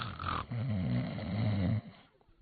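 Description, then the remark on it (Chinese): A male storyteller imitates snoring: a short breathy intake followed by one long, low, rattling snore that fades out, with no other sounds around it. “可他没睁眼，他照旧打呼噜，他眯缝眼睛看。”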